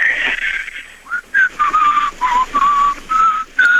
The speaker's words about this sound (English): Go ahead, try it out. Let me hear how you whistle. No, you know, you can't just blow like that. Like, you got to whistle a tune.